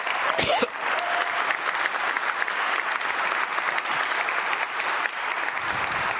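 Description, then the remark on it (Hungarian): Sustained applause from a large group fills the Hungarian National Assembly chamber, a dense, steady patter of many hands clapping at once, moderately loud and continuous for several seconds with no voices rising above it. “Gondoltam, kiérdemlek egy olyan tapsot, mint amit másik képviselő.”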